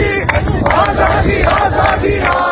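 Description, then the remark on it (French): A large protest crowd marching in the avenues of the capital chants slogans in unison, including "Azadi" and "death to the dictator", loud, with rhythmic shouted phrases rising over a dense roar of many voices throughout. “Le lendemain, la colère se mue en marche dans les avenues de la capitale. La foule gonfle. Azadi est l'un des premiers slogans entonnés.”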